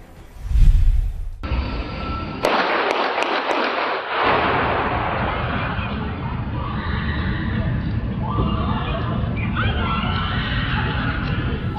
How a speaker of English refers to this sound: Terrifying. You hear the shots going off one after the other and then the screams.